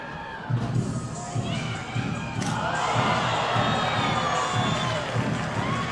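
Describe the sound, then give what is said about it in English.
A baseball crowd in the stands at a Bisons game cheers and shouts as fans catch foul balls, a loud, sustained roar that swells after a moment, with scattered whoops and claps and a steady low thumping underneath. “Well, despite the Bisons trailing by eight, fans are still cheering each other on when catching foul balls in the stands.”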